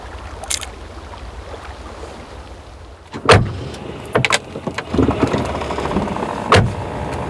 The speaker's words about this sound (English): Me ajetaan naapurin Opelilla kohti Olhan kotitaloa sammutetuin ajovaloin.